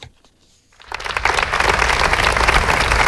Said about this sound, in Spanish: Y lo están escuchando, son los aplausos de Diputación y Ayuntamiento de Málaga que han celebrado esta mañana concentraciones para condenar la violencia machista y rendir homenaje a Cristina, la vecina de Ciudad Jardín